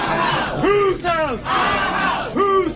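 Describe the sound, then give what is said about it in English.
A protest crowd in the Louisiana Senate lobby, during a Senate Governmental Affairs meeting, chants in unison against proposed new congressional districts, voices rising and falling in a repeated rhythmic phrase with loud, strained shouts over a constant roar of many people. “During the meeting, protests in opposition to the proposal took place in the Senate lobby.”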